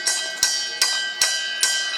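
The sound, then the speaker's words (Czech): A bright metal bell by the brewing kettles in a brewhouse is struck five times at a steady pace, each ring overlapping the last's lingering shimmer, fairly loud with no voices. “Historicky oni, tenkrát i naši předkové, neměli žádné spojovací prostředky, takže jediný možný způsob, jak dát ve sklepě vědět, že várka je hotová, bylo zacinkat na zvon a dole ve sklepě už věděli.”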